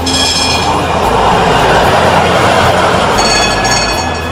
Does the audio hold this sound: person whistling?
no